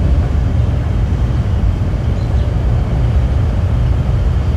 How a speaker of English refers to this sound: That's a recording from his backyard earlier this summer. Birds, just a few feet from the mic, can barely be heard over noise from a data facility half a mile away in South Haven, Mississippi.